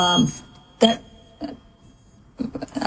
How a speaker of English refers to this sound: I think there's a alarm going off somewhere. Hold on.